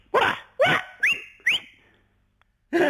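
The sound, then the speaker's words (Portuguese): A shepherd's whistle calling a flock of sheep rises sharply twice and holds a steady high note, mixed in with several short, loud dog-like barks. “Eu sabia que havia um assobio. E elas vêm logo.”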